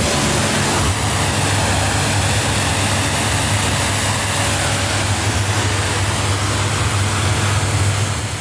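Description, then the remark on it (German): A steady, loud rush of spraying water runs without a break over the low drone of a running pump or engine, with no voices, as a motorboat is hosed down at the Wolf boatyard in Walenstadt on Lake Walensee, eastern Switzerland. “Chef und Inhaber von der Bootswerft Wolf zu Wallenstadt und spritzt gerade das nächste Motorboot ab.”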